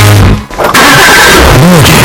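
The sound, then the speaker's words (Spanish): A car engine turns over after a brief pause, then catches and runs loudly with a rough, rising rev. “Es el sonido de tu próximo coche.”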